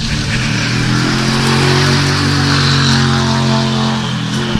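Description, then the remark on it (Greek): A Toyota GR Yaris Rally 2 rally car, number 24, passes by; its engine roars loudly, a steady, throaty drone with slight shifts in pitch as it passes, with no talking over it. “Αυτό ήταν το αμάξι του Αλεχάνδρο Χασόν και του Ροζάντα Μπόρζα, ο συνοδηγός του, με ένα Toyota GR Yaris Rally 2.”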